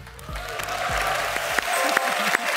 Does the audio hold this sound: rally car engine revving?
no